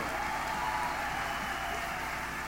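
A crowd claps steadily, a dense, unbroken wash of hands that holds at the same level for a couple of seconds, with no voices rising above it.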